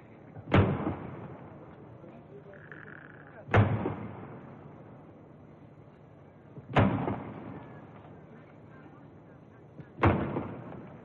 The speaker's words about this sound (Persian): 50 تیر توپ به مناسبت 50 سال شاهنشاهی پهلوی شلیک می شود.